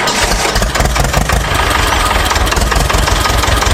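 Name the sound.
tractor engine idling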